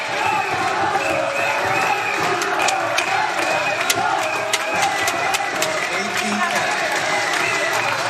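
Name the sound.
spectators cheering and applauding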